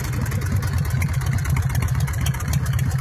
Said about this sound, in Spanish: Ahí está la bestia. Este Harley va a estar acá el 12, bueno, a partir de octubre, ¿no? Cuando venga el encuentro de moto.